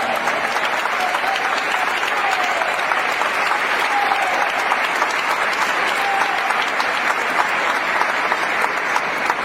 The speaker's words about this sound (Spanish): ¡Aleluya! ¡La victoria es de Cristo! ¡Denle un aplauso al Señor en esta noche!